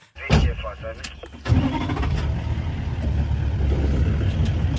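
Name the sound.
safari jeep engine starting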